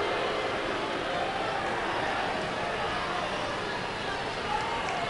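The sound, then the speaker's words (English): A baseball stadium crowd boos in displeasure during a Thursday night game, as the pitcher looks back to the lead runner at second base, a dense, sustained roar of many voices that holds steady and loud for the whole stretch without letting up. “Crowd voicing their displeasure.”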